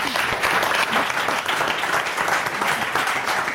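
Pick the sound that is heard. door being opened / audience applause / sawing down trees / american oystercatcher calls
audience applause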